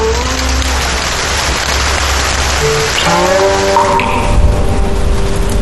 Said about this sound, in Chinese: 而真正让我驻足的是一场不期而至的雨，它向天空积攒许久的心事对着群山轻轻诉说。雨声滴答，是古琴师指尖划过的梵音。